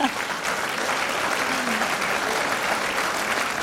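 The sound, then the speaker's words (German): A crowd applauds steadily, a dense wash of clapping hands that stays loud and even throughout, with a faint voice briefly audible beneath it. “Dann geben wir gerne einen Applaus, bitte sehr.”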